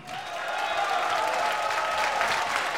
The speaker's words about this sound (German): Ihr Applaus.